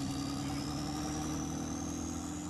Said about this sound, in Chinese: 准备起飞， 战机人工起飞。